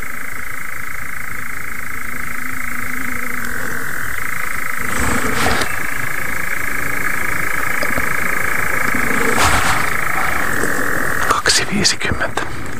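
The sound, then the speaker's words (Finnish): A steady chorus of moor frogs croaking together, a continuous low bubbling drone with no gaps, broken by a few short, louder bursts of noise near the middle and end. “Leimaamisesta mennyt nyt se 3 minuuttia, mutta viitasammakko kurnottaa komeasti.”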